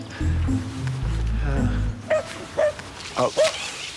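A dog barks in several short, sharp bursts, spaced irregularly, with whimpering mixed in and a low rumbling background at the start. The dog sounds fairly loud.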